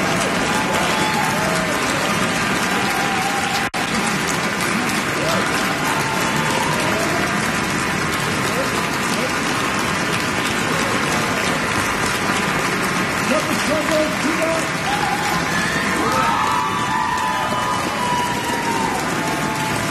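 A large concert audience keeps up dense, steady applause, loud and unbroken throughout, with scattered cheers and a few whistles, for the Meadows Symphony Orchestra under Edward Cumming after Bruckner's Symphony No. 8 in C minor, at Carruth Auditorium, Owen Arts Center, Southern Methodist University.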